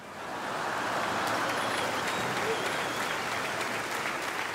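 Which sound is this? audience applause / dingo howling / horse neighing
audience applause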